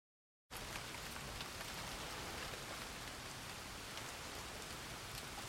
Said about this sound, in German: Ein Glück. Der Regen lässt nach.